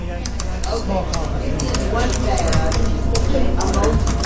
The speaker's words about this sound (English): The sound of a busy coffee shop takes me back to 2009 in Jacksonville, Florida. A group of aspiring authors have gathered around a long table to write what they hope will be their best-selling novels.